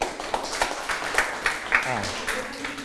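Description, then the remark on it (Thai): A class of students claps for a classmate in a loose, uneven patter of sharp hand smacks for about three seconds, with voices murmuring underneath. “ถูกต้องครับปรบมือให้เพื่อน”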